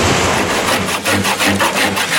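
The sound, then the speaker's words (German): A woman carpenter works wood by hand, sawing or rasping, with steady, rhythmic scraping strokes about four per second. Loud, gritty and continuous, with no voices. “Eine Schreinerin am Werk.”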